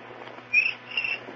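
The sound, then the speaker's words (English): Two short, high-pitched cricket chirps sound about half a second apart, each a thin trilling burst, fairly soft against a faint steady hiss with no one talking. “that a cricket with rhythm.”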